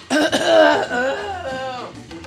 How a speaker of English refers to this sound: Excuse me, I have to clear my throat.